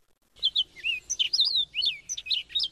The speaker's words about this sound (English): Amidst the spring symphony of birdsong, several seem to stand out. The cardinal, the seasonal harbingers, the robin and the bluebird, and that joyful songster, the mockingbird.